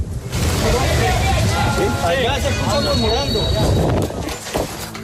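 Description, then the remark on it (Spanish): Colombian rescue teams clear rubble while searching for survivors, scraped and shifted in a loud, continuous, gritty clatter, with several voices calling out to relatives and asking for silence throughout. “Son los sonidos de escombros retirándose que se entremezclan con las voces de quienes llaman a sus familiares y las peticiones de silencio por parte de los”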